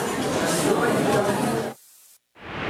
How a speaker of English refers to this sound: This white noise will soothe your baby, but it's still not enough to drown out the feeling that you're a bad mom for not enjoying every single second.